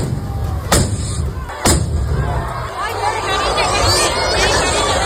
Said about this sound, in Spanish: Pues era el momento en que las mechas de varios cohetes que se iban a lanzar se han prendido con las chispas de los dos primeros y han estallado en el balcón del ayuntamiento y sobre la multitud que se congregaba en la plaza.